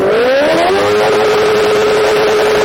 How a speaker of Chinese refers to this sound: 咱们现在测试一下这辆车，就这辆改装过的摩托车啊，它这排气管咱们点火拧油门的情况下能达到多少分贝。